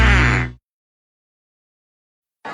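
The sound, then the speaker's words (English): A single loud, nasal duck quack bursts out at the start, then cuts to silence before another sound begins right at the end. “When you're stuck, call the duck.”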